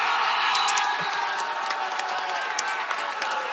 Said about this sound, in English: Well, that's obviously changed right now that Canada has scored. Everybody's going up on their feet, cheering, waving that Canada flag. And I can see a little Quebec flag in the back as well being waved. People are just so excited right now.